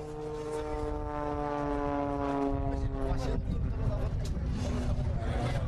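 aircraft engines roaring

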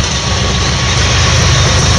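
train passing

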